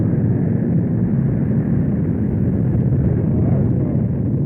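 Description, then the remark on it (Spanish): A spaceship's hyper-omega propulsion accelerating after a countdown: a steady, heavy rumbling roar like a powerful engine thrust, dense in the low end and sustained at constant loudness throughout, with no voices. “Con este acelerón nos hemos alejado de Aracal más o menos un parsec.”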